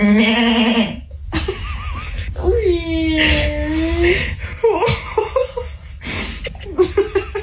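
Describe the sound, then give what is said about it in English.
A young girl's voice imitates a goat, giving several wavering, quavering bleats, with breathy giggly sounds between them and no spoken words. “Here's the goat noise one more time, just by itself.”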